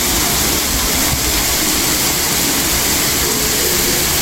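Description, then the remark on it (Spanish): Heavy rain pours down during a night of storms in the province, a loud, steady roar, a dense continuous hiss with a low rumble underneath and no voices, unbroken for the whole stretch. “Los de la lluvia, ha sido una noche de tormentas en la provincia.”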